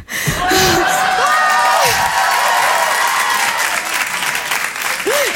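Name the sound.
audience applause and cheering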